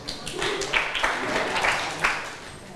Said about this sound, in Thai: ขอบคุณมากเลยเก่งมากเก่งมากค่ะนักเรียนปรบมือให้เพื่อนหน่อยค่ะ